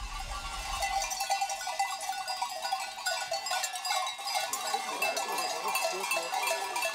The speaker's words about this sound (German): Nach weiteren 8 Stunden über die Berge kommen Schafe und Treiber dann endlich wieder zu Hause an.